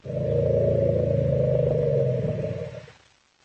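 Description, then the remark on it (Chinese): A loud, sustained, deep roaring call from elephants, family members greeting each other at a gathering in a park, rumbling steadily for about three seconds before fading out, unaccompanied by any talking. “所有的家庭成员在见面时都会寒暄一番，有时候他们会一边吼叫一边转过身排出尿液或者粪便，那种场面非常有意思，就像这样。”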